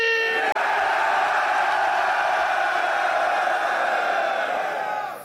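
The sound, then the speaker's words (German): A crowd of 1300 people screams and roars all at once, a dense, loud wall of voices that holds steady for several seconds before easing off slightly at the end. “Und wie das klingt, wenn diese 1300 Leute auf einmal schreien”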